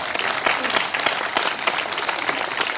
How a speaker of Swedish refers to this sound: Välkommen. En applåd är han faktiskt värd.